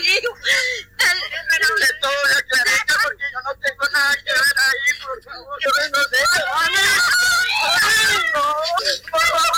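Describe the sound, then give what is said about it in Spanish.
A woman, the mother of a Colombian man being arrested by the Special Force to Fight Crime, screams and sobs in a distressed voice while declaring him innocent, wailing cries rising and breaking throughout, with a louder outburst near the end and muffled voices in the background. “se presentó de manera voluntaria ante la Fuerza Especial de Lucha contra el Crimen y fue aprehendido en medio de gritos y lágrimas de su madre, que lo acompañaba declarándose inocente.”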